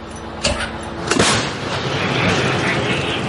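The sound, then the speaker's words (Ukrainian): A Ukrainian 155 mm Bohdana self-propelled howitzer fires at enemy positions near Chasiv Yar, giving a sharp booming blast followed by a second thump and a rolling rumble that lingers over steady outdoor noise. “155-міліметровий снаряд ще у повітрі, а екіпаж вже згортає гармату та швидко повертається в укриття.”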